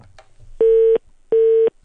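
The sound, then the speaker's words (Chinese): A phone line fails to connect during a radio call-in show as the director tries calling a listener back a third time: two identical loud, steady mid-pitched beeps, each about a third of a second, separated by an equal pause, like a busy signal, with faint background noise before. “阿姨您听到了，电话是打不通的啊，没有办法，您得明天再尝试联系我，明天再帮您操作一次啊”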